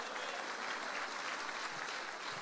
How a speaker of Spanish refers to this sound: ¿Cuántos alaban al Señor? Fuerte ese aplauso si es para Cristo.